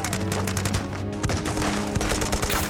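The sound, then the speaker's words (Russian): Dense, continuous gunfire with rapid machine-gun bursts and scattered sharp shots, loud, overlapping into a sustained battle din as soldiers open fire on German troops. “Бойцы открывают по немцам огонь.”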